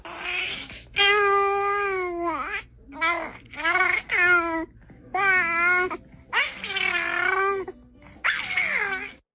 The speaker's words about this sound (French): Ça, c'est même un peu... Après, c'est un bébé qui babille, un bébé de 3 mois.